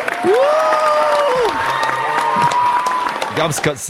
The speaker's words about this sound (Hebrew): שמעתם? ראיתם את החוכמה הזאת? תן לי מחיאות כפיים.